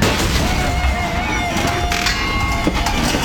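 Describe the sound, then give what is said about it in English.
A harsh, continuous mechanical grinding and rattling from a failing garage door in motion, steady and loud throughout, with thin metallic squeals and a few sharp clunks. “Does your garage door sound like that? That's not normal.”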